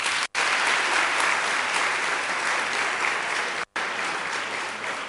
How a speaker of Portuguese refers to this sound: Então, uma salva de palmas a todos vocês.